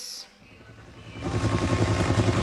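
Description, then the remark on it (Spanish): A helicopter flying overhead, its engine drone and rhythmic rotor thumping swelling from faint to loud within a couple of seconds, heard alone without voices. “Un helicóptero.”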